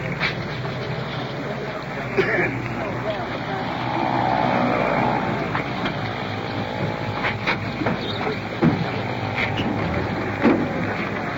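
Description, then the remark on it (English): An ambulance rolls in, its engine a steady broad rumble with road noise, swelling slightly midway, punctuated by a few sharp knocks and clatters. “Here comes the ambulance rolling in.”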